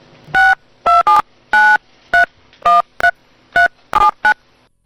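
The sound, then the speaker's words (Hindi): Around ten beeping keypad tones from a phone being dialed, loud, pressed at an uneven pace with short gaps between them, and no voices. “मैं सोच फोन कर लेती हूँ।”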